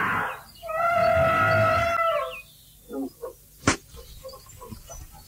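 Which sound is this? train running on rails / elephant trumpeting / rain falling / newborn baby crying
elephant trumpeting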